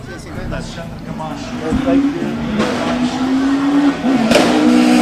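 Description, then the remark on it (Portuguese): A Kia Picanto GT rally car's engine revs up loudly as it pulls away on the Cidade do Funchal special stage, its pitch climbing steadily through the gears over several seconds, with voices audible in the background. “Abel, que entretanto teve que arrancar com o carro.”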